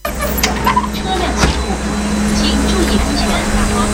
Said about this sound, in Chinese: 傍晚10分，目送最后一辆转移大巴驶离，